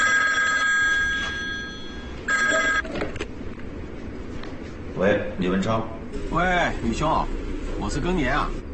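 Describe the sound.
A telephone rings loudly in two bursts during a phone call, a long ring then a shorter one, followed by a pause and then a man's voice speaking over a low background rumble.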